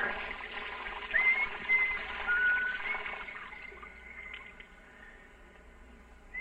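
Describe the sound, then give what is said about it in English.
A steady, hissing rush of shower water runs continuously on its own at moderate volume, easing slightly softer toward the end. “Major Hall stepped out of the shower, reached for one of the towels on the rack.”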